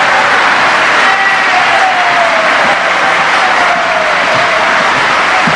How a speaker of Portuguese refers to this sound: Das duplas mais queridas, e que eu sei que vocês vão receber essa dupla como vocês recebem todas, com o calor do aplauso de vocês